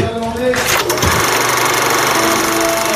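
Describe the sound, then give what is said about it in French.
A loud motor engine revs up sharply near the start, then holds a steady, rough, buzzing drone at high throttle for the rest of the few seconds. “Tout le monde au départ. RTL Matin. Et le moteur est demandé.”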